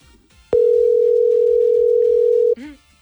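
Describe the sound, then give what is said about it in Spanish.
A loud, steady telephone ringing tone sounds once for about two seconds while a call waits to be answered, with faint voices murmuring before and after. “Ajá, papá lindo, contesta. Si no contesta, sigue jugando.”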